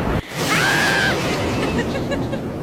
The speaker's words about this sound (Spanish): ¡Ya está lloviendo! ¡La ropa, oigan! ¡Vayan por la ropa! Ya está lloviendo en varias calles de Tijuana.